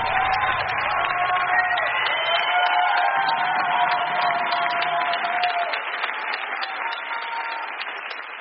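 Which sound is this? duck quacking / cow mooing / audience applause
audience applause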